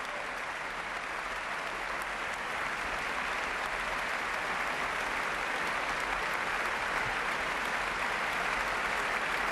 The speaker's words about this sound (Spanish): De nuevo sale a saludar y a recibir los aplausos del público